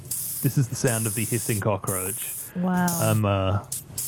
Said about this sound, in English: Cockroaches that are illegal to keep in Australia, the Madagascan hissing cockroach. I found a sound effect. I don't know if you've got it. But is it this? That's right. This is the sound of the hissing cockroach.